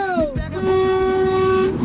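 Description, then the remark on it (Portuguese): A vehicle horn honks in one long, steady blast lasting over a second, loud, after a brief sliding tone at the start, with busy background noise underneath; part of a listeners' honking event (buzinaço) for the radio station Band FM. “Você tá na estrada, você tá no seu bairro, você tá onde agora pra buzinar com a gente?”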